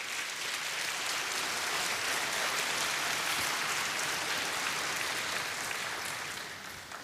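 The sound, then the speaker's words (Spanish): A church audience claps their hands for the Lord steadily, a dense, continuous wash of applause at an even volume that holds throughout before easing slightly at the very end. No one speaks over it. “Dale palmas al Señor.”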